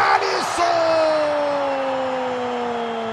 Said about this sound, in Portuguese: A torcida eufórica vem para o toque de bola do Haiti, levantamento na boca do gol.